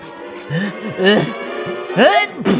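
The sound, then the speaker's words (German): A voice makes a few short vocal sounds, then a rising 'ahh' that breaks into a sharp, noisy sneeze at the end, fairly loud. “Gesundheit.”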